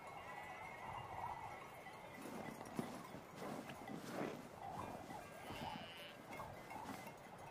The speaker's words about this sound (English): Guided by shepherds, sheep are underway on their travels. Every year, they are brought from South Tyrol and herded over the steep climbs of boulders and glaciers, the same as they've done for the last 500 years.